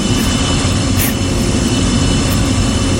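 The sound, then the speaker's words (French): A loud, steady jet engine roar with a heavy low rumble, like an airplane taking off, filling the whole stretch without letup and no voices. “Bienvenue dans l'avion Air Combal 948. En direct, qui aura la meilleure info sur les avions? Armement des toboggans et pensée aux portes, bien sûr. Décollage immédiat.”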